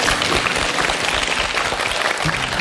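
Steady applause from a live audience for a guest engineer fills the whole stretch, a dense, continuous wash of many hands clapping at even loudness with no voices over it.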